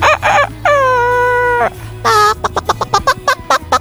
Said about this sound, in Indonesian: Lihatlah, ayam-ayam sudah mulai bangun dan berkokok.